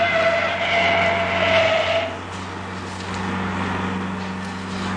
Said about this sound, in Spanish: Corriendo locamente por las carreteras del estado de Texas, el auto que conducía a Paul, a Nelly y al siniestro Whopper se encaminaba hacia las fronteras del estado.